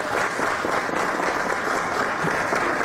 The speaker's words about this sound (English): Yeah, good. Was there an applause light in there? No, there's not. And I didn't think so. That was organic, wasn't it?